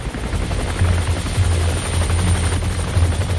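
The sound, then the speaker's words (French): A helicopter's rotor thumps loudly and steadily overhead, a dense, continuous low chop with engine whine filling the air throughout, no voices present. “Les populations étaient pourchassées par des hélicoptères et avions dans l'air et l'armée de terre au sol.”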